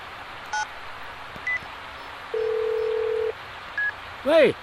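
A few short keypad tones from a phone being dialed from a car stopped on Yanhe East Road, followed by a single steady ringing tone about a second long and a brief warbling chirp, over a constant low background hum.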